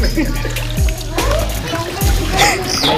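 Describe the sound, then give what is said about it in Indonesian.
Water pours and splashes in a steady, noisy rush lasting several seconds, fairly loud, with voices talking underneath. The water is poured on to rinse off soil left from peeling while it is shaken left and right. “Tolong Kang, siram Kang.”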